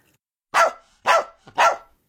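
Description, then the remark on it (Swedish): A small white poodle barks three times in quick succession, loud, sharp and high-pitched, each bark a short shrill burst with brief gaps between them. “Plötsligt skäller en hund högt och gällt.”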